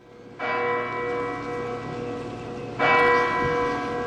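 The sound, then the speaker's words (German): A large church bell of the sanctuary tolls twice as it strikes 9 p.m., each strike ringing out with a rich, lingering hum that overlaps the next; slow, resonant strokes with no voices. “Die Glocke des Heiligtums schlägt 21 Uhr und damit beginnt diese Lichterprozession”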